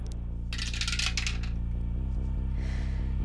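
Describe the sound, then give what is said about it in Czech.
A die is thrown into a dice tower and tumbles down in a quick burst of hard plastic clattering lasting about a second, over a steady low electrical hum that continues after it settles. “Připravená věž, do které hodíme kostku.”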